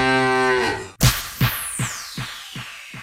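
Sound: cow mooing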